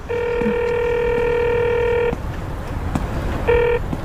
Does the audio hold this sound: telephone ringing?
yes